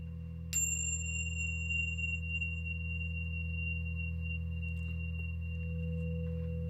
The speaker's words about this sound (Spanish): Bueno, el sonido de la... de una campana. El tañido de la campana.